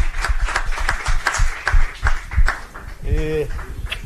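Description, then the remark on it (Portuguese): A small group in the Band News FM radio studio claps in quick, fairly steady rhythm for about three seconds to welcome a new journalist, the claps sharp and moderately loud, then a brief voiced whoop or exclamation rises as the clapping fades. “Palmas!”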